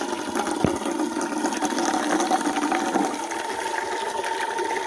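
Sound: water running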